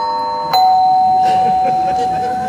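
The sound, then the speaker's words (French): A doorbell rings with a steady electronic chime that steps to a slightly higher tone about half a second in and holds, loud and sustained, over a faint background murmur of voices. “Bon, attends, je vais ouvrir, je vais m'éclairer, elle doit être sous la douche, elle doit pas entendre, je pense.”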